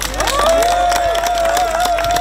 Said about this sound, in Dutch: Dus een heel erg hartelijk applaus